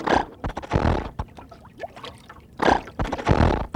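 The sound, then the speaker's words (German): A boat motor being started sputters and coughs in two rough, uneven bursts, each about a second long with a pause between, fairly loud, failing to catch smoothly. “Nun lass doch endlich den Motor an, damit wir weiterfahren können.”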